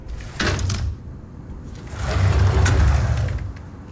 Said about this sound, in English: Sorry, didn't catch that. Airplane noise. Bye!